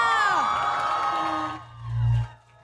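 A crowd cheers and whoops, many high voices overlapping in rising and falling cries, loud for about a second and a half before thinning out as a low droning hum swells briefly.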